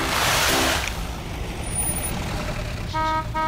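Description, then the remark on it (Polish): A heavy truck rumbles, releasing a loud hiss of air brakes at the start, its engine idling steadily before two short horn toots sound near the end. “Na bok! Na bok! Ciężne riady przyjedu! Dere, nakładne auto!”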